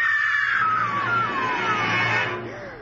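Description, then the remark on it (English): A high, wavering scream from a woman in a parked car rings out over a steady low rumble, sliding downward in pitch and trailing off near the end, with no one speaking. “Did you hear that woman scream?”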